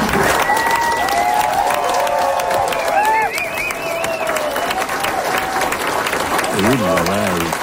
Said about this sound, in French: Les applaudissements traduisent les commentaires des spectateurs qu'on a entendus. Très, très, très élogieux.